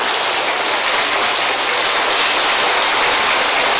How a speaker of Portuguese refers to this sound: Cabe agradecermos com aplausos a versatilidade do maior repentista do Brasil, ….